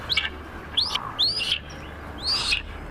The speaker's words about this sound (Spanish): Este es Águila Esteparia, ¿verdad? El águila esteparia, que es un águila que no es nada abundante ni en Castilla-La Mancha ni en España.